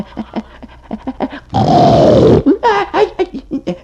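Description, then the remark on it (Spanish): A gorilla grunts in short guttural bursts, then lets out one loud, rough, growling blast lasting about a second with a slowly falling pitch, followed by more throaty grunts. “Ay, virgen de man, supo, agua, ¿y eso qué es? Es el gorila, hombre.”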